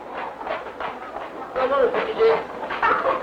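chicken clucking

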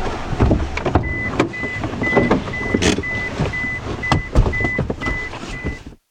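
car

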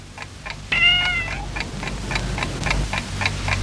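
cat meowing

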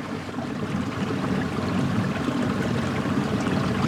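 river water flowing

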